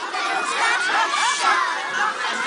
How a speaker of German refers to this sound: Und das hört man dann aus Tausenden von Kinderkehlen mit diesen schönen Lampio. Also es ist ein mittelalterlich archaisch energiegeladener Brauch.